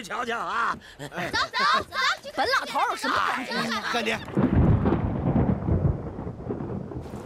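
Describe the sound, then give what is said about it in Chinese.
A voice is heard for a few seconds, then a loud roll of thunder breaks in with a steady hiss of rain that keeps going to the end. “你看看，嗯，每回说到你娘，这天就要下雨啊。”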